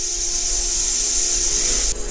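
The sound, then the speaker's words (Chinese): Owl chicks in their nest, on sensing danger, let out a steady, harsh warning hiss that mimics a rattlesnake shaking its tail rattle, a loud, bright buzzing rasp that holds for about two seconds before abruptly dropping off. “里面的雏鸟发现危险后，立即发出威慑的声音。这种声音酷似响尾蛇摇动尾尖发出的声响。”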